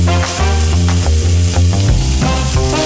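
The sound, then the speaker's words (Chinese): Steady sizzling and crackling of sliced wild bolete mushrooms stir-frying in hot oil with garlic slices and dried chili pieces, a continuous hiss under sustained background music with held tonal notes that shift partway through. “菌子切片，以蒜片和干辣椒段炝锅，加菌子翻炒。”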